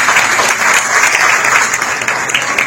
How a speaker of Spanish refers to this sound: Fuerte el aplauso para el maestro